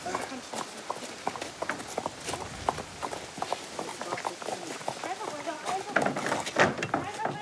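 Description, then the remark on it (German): The hooves of Cam, a Przewalski's horse, trample and clatter in quick, irregular thuds and knocks as it starts to trot and walk while being driven into a horse trailer, growing louder and busier toward the end, with muffled voices underneath. “Das Pferd fängt jetzt gleich an, so ein bisschen zu trappeln und zu laufen.”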